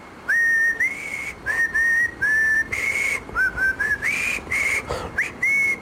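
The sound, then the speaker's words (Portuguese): Someone whistles the jingle of the radio show Portugalex, a short, bouncy string of clear notes in quick phrases with brief gaps, steady and fairly loud, with no talking over it. “É o jingle do Portugalex.”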